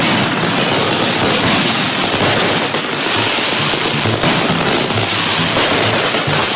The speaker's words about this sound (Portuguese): Gente, tá começando aqui a nossa quermesse e o seu Juca vai soltar os rojões. Solta o rojão aí, seu Juca!